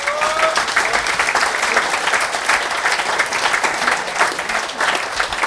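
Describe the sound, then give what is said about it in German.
An audience claps steadily for Manuel Pfeiffer, municipal councillor, a dense even wash of applause that holds at the same level throughout, with a couple of faint whistles near the start. “Dankeschön, dein Applaus.”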